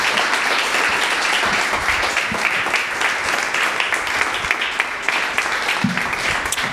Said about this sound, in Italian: Fate un bel applauso ai nostri tre relatori.